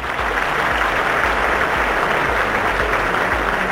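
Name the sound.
applause sound effect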